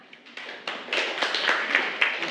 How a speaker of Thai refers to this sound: ค่ะขอเสียงปรบมือให้กับกลุ่มที่3ด้วยค่ะ